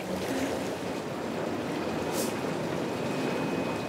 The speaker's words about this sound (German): Erste Anwendung heute, ein Bad in reinem, sehr salzhaltigem Mineralwasser. Das ist, als ob ich in einem Wasserfall liege, laut, aber sehr angenehm. Das Wasser ist ganz anders als in anderen Spas, schwer zu beschreiben, irgendwie anders.